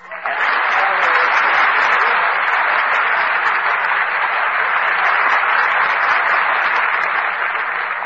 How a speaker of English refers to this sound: But how do you get that applause at the end, …? I just start applauding myself when I'm finished, like this. Oh, now I get it. The audience gets it, too.